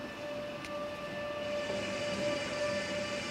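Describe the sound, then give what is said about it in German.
A Mont Blanc Express rack railway train braking shortly after Vernayat, a steady rumbling drone with a sustained high-pitched squeal holding throughout, plus a brief sharp click early on. No voices. “Kurz nach Vernayat bremst der Zug auch schon wieder ab.”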